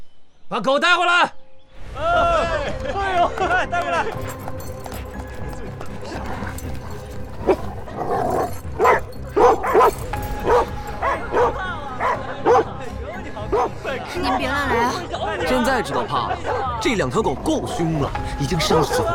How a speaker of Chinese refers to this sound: 把狗带回来！哎，带回来！您别乱来啊！现在知道怕了，这两条狗够凶了，已经杀死好多人了。